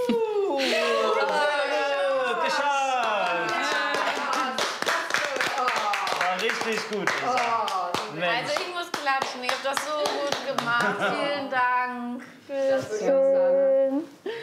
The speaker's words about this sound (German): Oh, also ich muss klatschen, ihr habt das so gut gemacht. Vielen Dank.